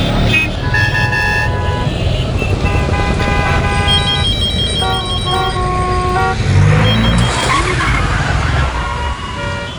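Steady traffic roar with honking horns and a high, drawn-out tire squeal, then a sudden loud crash near the end as a car skids and collides.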